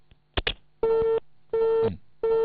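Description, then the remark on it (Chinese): A couple of sharp clicks like a line disconnecting as a staff member at the Liaoyuan civil affairs bureau hangs up the call, then a telephone busy tone: three steady, evenly spaced beeps repeating over the line with no one speaking. “工作人员直接挂断了电话”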